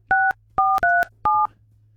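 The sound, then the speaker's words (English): Four quick telephone keypad dialing tones, each a short steady dual-pitched beep, pressed in a brisk uneven rhythm over a faint low hum, with no voices. “You remember those sounds, eh?”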